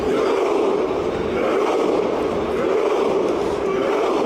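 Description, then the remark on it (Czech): A large stadium crowd chants together in a loud, steady roar after Norway's 3-2 win over Senegal, with the players joining in on the pitch, many voices holding a sustained tone for several seconds with no pauses. “Norsko navíc po dramatickém průběhu porazilo Senegal 3-2 a do pokřiku se pak zapojili i samotní hráči přímo na trávníku na stadionu a video nazbíralo během několika hodin miliony zhlédnutí.”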